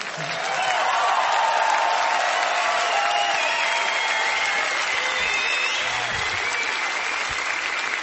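Sustained audience applause for a band, a dense steady wash of clapping that swells in the first second and holds at an even, loud level, with some faint whistles or cheers mixed in.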